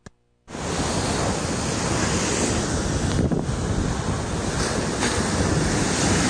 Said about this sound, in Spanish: Vecinos de la comunidad de Boca del Río indicaron que esto es histórico, ya que no había pasado un fenómeno similar que generara un oleaje tan fuerte que derribara todo a su paso.